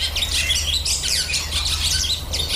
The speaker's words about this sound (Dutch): Nou, dit is de boerenzwaluw.